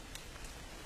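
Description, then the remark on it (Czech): Soft, steady patter of water that caught on leaves dripping in a forest after rain while light rain still falls, with a couple of slightly brighter drops standing out against the quiet, even background hiss. “Je po dešti a přitom stejně prší.”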